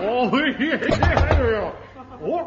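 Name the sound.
knocking on a door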